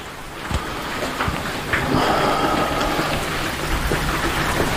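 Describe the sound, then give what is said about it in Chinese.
Steady rain hisses across the whole recording, a dense wash of falling drops with a few sharper splats and taps standing out now and then. No one speaks. “嗯，下雨了，路上太堵了。”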